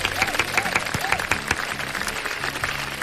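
Steady applause from a crowd, a dense wash of clapping that holds at an even level for about three seconds, with a few sharper claps and faint voices mixed in.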